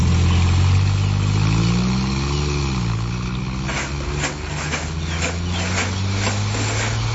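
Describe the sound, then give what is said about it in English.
A car engine rumbles loudly, revs up with a rising whine, then settles into a steady drone as the car drives off again, with some clattering noise toward the end. “Was that his car you came in? Yes. And he's gone off again?”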